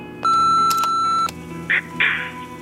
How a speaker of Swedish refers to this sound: Vi kan inte ta telefonen just nu, men lämna ett meddelande eller beställ din pizza efter pipet.